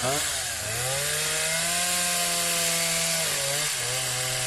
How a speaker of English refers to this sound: Kobe, give me the chainsaw. Let's hit the chainsaw.